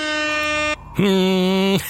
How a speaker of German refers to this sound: Das ist das schönste Geräusch, ne? Die Tröte.